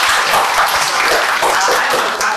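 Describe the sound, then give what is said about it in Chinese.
An audience breaks into steady applause for a group, a dense, continuous wash of many hands clapping at an even, loud level throughout, with no voices standing out. “嗯， 那好，掌声送给他们。”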